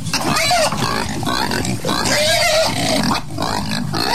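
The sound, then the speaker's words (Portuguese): A pig grunts and oinks loudly, a steady run of snorting, squealing calls across about four seconds with only a brief dip near the end; the animal seems to want to run away. “O bicho até quer fugir, Oswaldo, agora, ó.”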